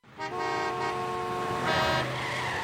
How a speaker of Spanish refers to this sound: El tránsito. Si estás harto de los que no avisan sus maniobras. El tránsito. Harto de los que de pronto se te cruzan o frenan para doblar.